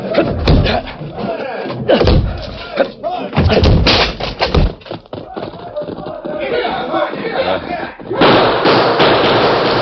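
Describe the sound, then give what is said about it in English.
Heavy, loud thuds strike a locked back door again and again at uneven intervals as it is broken down, with shouting voices and commotion around the blows, ending in a burst of noisy clatter. “Locked. We'll have to break it.”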